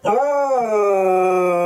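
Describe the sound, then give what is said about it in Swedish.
A dog named Luffe lets out a loud, drawn-out howling whine, one sustained note that rises briefly and then holds steady, with no voices present. “Men han hörs ju typ till Kina, piper Gordon.”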